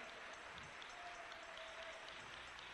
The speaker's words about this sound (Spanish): Dale un aplauso al Rey, déselo con toda su alma.